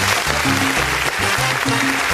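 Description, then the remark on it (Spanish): A steady wash of loud applause fills the whole stretch, dense and continuous, with a bouncing bass line from music playing underneath. “¡Fuerte el aplauso!”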